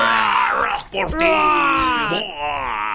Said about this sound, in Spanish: Espera un ratito, tiene que decir el algún grito okay, de algo. Ok, pues. Ayúdame con un gritito así bien.